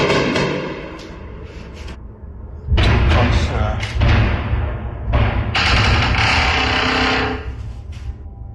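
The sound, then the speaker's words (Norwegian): Several heavy booms and thuds strike in quick succession, deep and rumbling with a crackling, echoing tail, from an overnight Russian drone and missile attack in Ukraine. Low, indistinct voices can be heard underneath. “Nå smaller det.”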